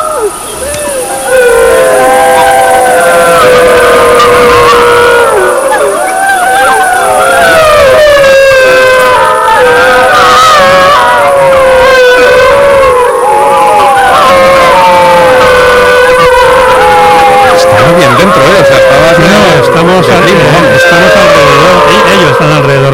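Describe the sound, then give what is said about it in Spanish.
A pack of wolves howls together: one adult alpha calls and the whole pack answers in a sustained, overlapping chorus, many long rising and falling voices weaving over each other loudly for the whole stretch, with no talking. “Ahí llama uno de los adultos, uno de los alfas. Y toda la manada responde.”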